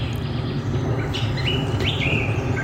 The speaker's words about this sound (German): das ist mal ein schöner Arbeitsplatz, wo die ganze Zeit ein paar Vögel im Hintergrund sind.